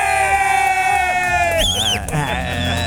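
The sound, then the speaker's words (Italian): Loud, dense crowd-style cheering and clapping, all made by one person alone who applauds, claps and whistles during the show Pazzi di rugby, fills the whole moment, with a shrill, wavering whistle cutting through near the middle before the noise settles slightly. “E da solo fa tutto lui, eh? Applaude, batte le mani, fischia, fa qualsiasi cosa.”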